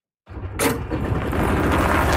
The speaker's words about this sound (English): A familiar sound on the greens of a golf course in Sylvan Lake. But now, the hum of the engine is finding its way onto municipal roads.